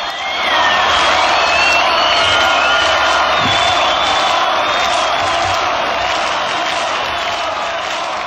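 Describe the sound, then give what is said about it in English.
A large crowd at the Woodstock festival applauds loudly and steadily for several seconds after a long, largely instrumental performance, a dense wash of clapping with cheers and high whistles rising above it, and no one speaking. “I mean, just listen to that applause.”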